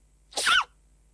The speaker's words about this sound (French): La sensation Internet, l'adorable panda qui éternue.